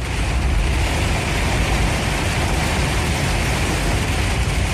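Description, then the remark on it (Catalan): A car drives up a flooded street, Carrer Lluís Carulla, the town's main street, where water runs down like a river from side to side. Its low engine rumble is buried under a steady, loud rush of water and spray that never lets up. No one speaks. “Vaig parar i vaig gravar, però també vaig voler fer algun vídeo conduint carrer amunt.”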